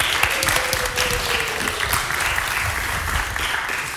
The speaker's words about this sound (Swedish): Härligt, det hade du inte räknat med. En applåd plötsligt.